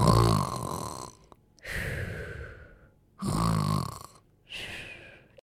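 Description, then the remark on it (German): A man snores loudly after drinking a sip of a potion and falling over asleep, with four drawn-out snoring breaths in a slow, steady rhythm, each rasping inhale followed by a quieter exhale and a short pause. “Tabaros trinkt einen Schluck und fällt sofort um und schnarcht.”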